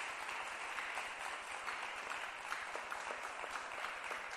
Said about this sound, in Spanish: Si hay cristianos acá, démosle palmas al Señor. Dele palmas.